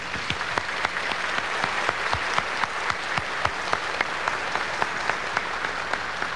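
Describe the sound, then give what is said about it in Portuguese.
An audience at a liturgy of Nossa Senhora do Carmo in the Chácara 2 neighbourhood applauds in welcome steadily for several seconds, a dense wash of clapping with individual sharp claps standing out at a fairly even rhythm, sustained at a moderate level without any voices. “Vamos acolher com uma forte salva de palmas.”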